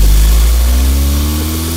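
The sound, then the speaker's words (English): A car engine rumbles loudly, its low steady drone shifting slightly in pitch as the car eases forward, pulling out of the house and giving off black smoke, with no voices over it. “Pulling out of the house right now. I can smell all the black smoke coming out of that.”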